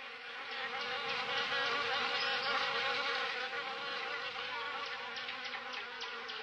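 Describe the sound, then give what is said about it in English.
A dense, continuous buzz of many bees swarming around a large beehive hanging from a tall tree, steady and fairly loud throughout, with no voices. “So off they went until they found a large buzzing beehive hanging from a tall tree.”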